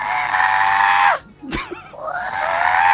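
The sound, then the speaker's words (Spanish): A person imitates an Andean condor call: a loud, strained, high screech that breaks off, a brief sharp click, then the raspy cry rising again and holding to the end. “A mí me gustaría ser un cóndor andino.”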